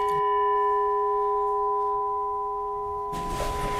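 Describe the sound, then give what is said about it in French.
A Burmese gong, struck to mark the hours and the start of breaks, rings with a steady, sustained metallic hum after a strike at the start, its tone holding without fading much, then a brief noisy burst near the end. “Alors c'est un gong birman, donc un son typique des gongs birmans qui rappelle les monastères du Birmanie.”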